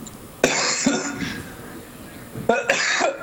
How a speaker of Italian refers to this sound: Davvero, scusate, proprio di stamattina questa tosse.